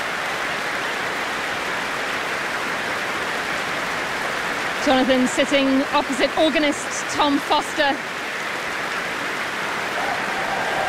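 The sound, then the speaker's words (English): A large audience at a Prom concert applauds and cheers steadily from start to finish for the performers, including a horn player, a dense wash of clapping, while a man speaks over it for a few seconds midway. “And that cheer is for a horn player from way back at the first half of this prom, horn player Ursula Pajulan-Monbert.”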